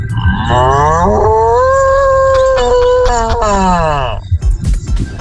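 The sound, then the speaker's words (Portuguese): A person voices a long, loud moo imitating an ox, the drawn-out bellow rising and falling in pitch for about four seconds before trailing off into a few breathy noises. “Ai, cara, se eu soubesse imitar um boi desse jeito, eu nunca mais usaria buzina.”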